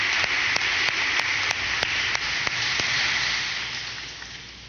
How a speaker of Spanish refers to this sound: Los recibimos con un fuerte aplauso y gracias, Monseñor Freddy, por estar en medio de nosotros.